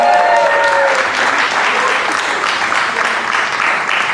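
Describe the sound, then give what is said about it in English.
A loud, steady burst of audience applause for the performer's wife fills the whole clip, dense and sustained clapping with a brief whistle or cheer near the start and no speech over it. “But don't clap too hard for her, though.”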